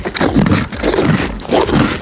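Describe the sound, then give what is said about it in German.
A horse on a horse farm chewing bread during the Radio Teddy Challenge: loud, crunchy grinding bites in three rhythmic bursts, with wet crackling textures and no talking. “Da wird aber laut gekaut.”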